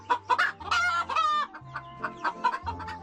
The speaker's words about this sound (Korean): 낯선 방문객에게 놀란 것도 잠시. 평화로운 아침 식사를 즐기는 닭들.